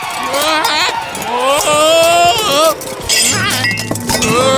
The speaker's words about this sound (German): Ach, du faule Nuss. Jetzt ist mir alles runtergefallen.